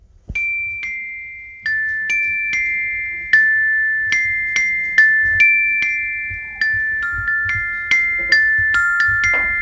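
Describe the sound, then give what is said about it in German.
A simple, steady melody, the St. Martin lantern song "Sonne, Mond und Sterne", plucked out on a glockenspiel: bright, ringing metallic notes struck one at a time at an even pace, each tone sustaining and fading, with no voices over it. “die steht hier jetzt auch schon mit einem Glockenspiel in der Hand.”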